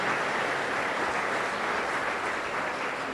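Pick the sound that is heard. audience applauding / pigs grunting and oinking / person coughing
audience applauding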